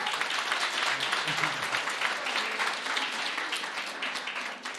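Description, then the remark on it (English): An audience breaks into sustained applause, a dense crackle of many hands clapping at a steady, fairly loud level for about five seconds before easing off slightly at the end. “Maybe we can give her a big round of applause again.”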